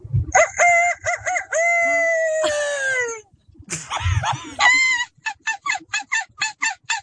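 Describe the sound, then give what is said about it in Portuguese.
A person's voice imitates a rooster's crow, with long strained harmonic calls, then switches to a rapid series of short, sharp seagull-like cries. The sounds are loud, with no other talking. “Que é imitar animais. O galo, as gaivotas.”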